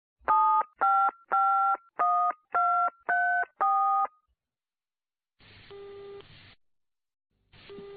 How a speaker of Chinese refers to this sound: 他又一次拨了那个号码，听见一个声音吼了起来。